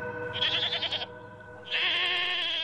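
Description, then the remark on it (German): A goat bleats twice, loudly: first a wavering, quavering cry, then after a short pause a longer, steadier bleat that carries on to the end. “Keine Angst, wenn jetzt mehr Ziegen durch die Straßen laufen.”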